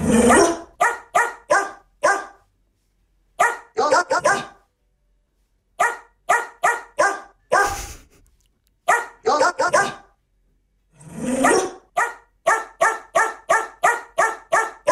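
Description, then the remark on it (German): A female dog, Cora from Nüstal, barks out a song's melody on the HR4 show Stars auf vier Pfoten, in quick rhythmic runs of short, sharp yaps grouped into phrases with brief pauses. The barking is loud, with no talking. “Hündin Cora aus Nüstal hat dieses Lied gebellt.”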